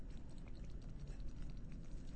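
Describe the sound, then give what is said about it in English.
Methane bubbles, from gas built up by slowly decomposing vegetation, rise in a bog with a soft, steady bubbling and gurgling, many small pops and blips scattered over a low watery rumble. No voices are heard. “And in fact, some of the bubbling you hear in a boggy bubble bath, boggy bubble bath, are methane bubbles, because there's a lot of gas buildup from all the slowly decomposing vegetation.”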